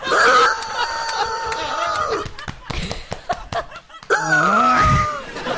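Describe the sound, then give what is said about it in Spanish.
Two long, strained rooster-like crows, loud, with bursts of laughter and clapping-like smacks between them; a human voice appears to be imitating a rooster's crowing. “Bartolito era un gallo que vivía muy feliz.”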